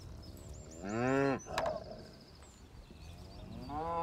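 Cattle from a farm herd of 500 suckler cows kept together with horses moo twice, a loud, low, drawn-out bellow followed a few seconds later by a second one starting, with a brief sharp knock between them and faint birdsong in the background.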